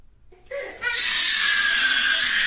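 A young child screams, a short whiny rise that bursts into a loud, piercing, sustained shriek held for about two seconds without a break.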